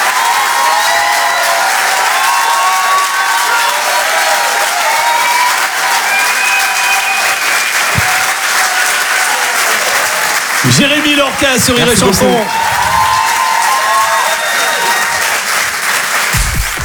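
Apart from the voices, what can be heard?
audience applause and cheering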